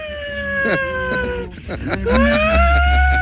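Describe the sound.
A person, calling themself the human siren of Palma, imitates a fire truck siren with a sustained wailing voice, the pitch sliding slowly downward, breaking off briefly, then rising again into another long, loud wail.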